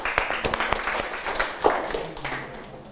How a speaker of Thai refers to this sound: ปรบมือให้กับเพื่อนเลยนะครับ